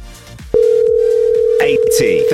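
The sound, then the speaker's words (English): A phone line tone on an outgoing call to a cash prize contestant starts abruptly after a brief pause and holds steady and loud, with voices and background sound continuing underneath. “Let's give her a call.”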